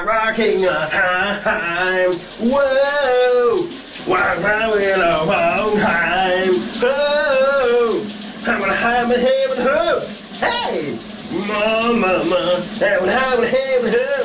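A man sings summer hits loudly in phrases with pauses while showering in a shower cabin in the morning, over a steady hiss of shower water running underneath the whole time.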